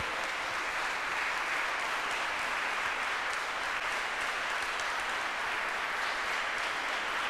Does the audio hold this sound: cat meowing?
no